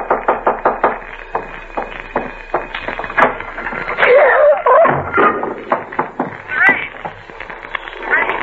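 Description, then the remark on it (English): Someone knocks at a door: a steady series of sharp, loud raps for several seconds, then scattered knocks while murmuring voices and brief tonal sounds rise underneath. “Did you hear it? No. I didn't hear it. Someone at the door.”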